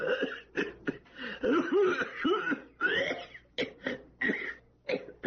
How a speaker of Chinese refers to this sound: 有一个人进到一家药店，正想对药店老板说什么，突然剧烈的咳嗽起来。